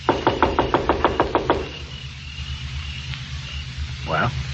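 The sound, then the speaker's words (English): A quick, even run of about ten loud knocks on a door over the first second and a half, then a low steady hum and a brief voice-like sound near the end. “Now remember, I'll knock, the doll will answer, and then I leave.”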